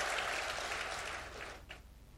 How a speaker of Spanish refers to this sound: Denle un aplauso, Señor, y ocupe su lugar.